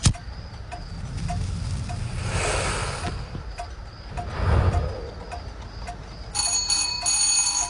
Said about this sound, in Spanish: Alguien hizo sonar el timbre.